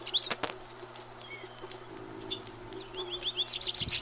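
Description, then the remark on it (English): Birds singing in spring: bright, high chirps burst at the start, then a quicker series of sharp notes builds toward the end, with quieter twitters in between over a steady low hum. “It is spring. The birds have been in full song.”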